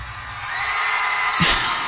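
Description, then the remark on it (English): A person screams loudly and without pause for about two seconds, strained, with a brief low thump near the end, at a screaming club event. “Show up and yell.”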